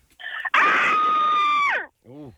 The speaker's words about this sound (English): Everyone sounds like there's more than one person screaming. I was always tortured. Sometimes there's many people inside you that screams.